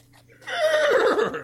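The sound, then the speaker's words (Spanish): A horse with an octopus riding on its back lets out a single loud whinny, a shaky, wavering neigh that rises after a brief quiet moment and rings on for about a second. “Nunca me había montado sobre un caballo.”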